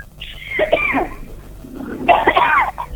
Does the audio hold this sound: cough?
yes